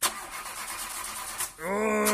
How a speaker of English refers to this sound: The car not running as well as it should?